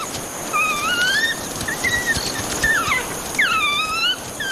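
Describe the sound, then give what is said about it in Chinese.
African wild dogs in a pack of about 17 make begging calls for food, excited by the smell of blood on one dog's neck: several high, squeaky twittering whines that rise and fall in quick overlapping bursts, fairly loud over a steady hiss of outdoor background noise. “这只非洲野犬脖子上沾染的血腥味让群体里的成员兴奋不已，不断发出讨食的叫声。”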